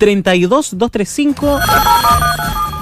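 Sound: telephone ringing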